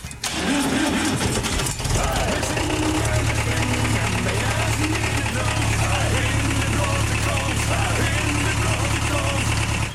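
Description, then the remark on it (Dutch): A tractor engine turns over and catches, then settles into a loud, steady, rumbling idle, with faint voices mixed into the noise. “Die dus nu al een beetje meehelpt om het spul op te bouwen, op de trekker, lekker op de trekker.”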